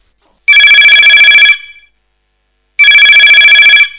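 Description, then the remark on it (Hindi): A telephone rings twice on a radio folk-song phone-in programme as the first call is taken, each burst lasting about a second with a bright, rapidly trilling electronic tone, separated by a pause of silence. No one speaks. “कछु देरी नहीं है, अपन लेते हैं जो पहलो फोन।”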